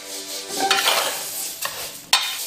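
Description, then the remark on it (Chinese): Dry grains and whole spices are stirred in a hot pot, a continuous scraping rustle with a light sizzle, punctuated by a couple of sharp clinks of a utensil against the metal. The grains are glutinous rice and long-grain fragrant rice mixed one to one, with star anise, bay leaves, cinnamon bark and Sichuan peppercorns, toasted over low heat until golden. “圆圆胖胖的糯米，瘦瘦长长的香米，按一比一混合，八角、香叶、桂皮、花椒迅速集结，纷纷入锅。”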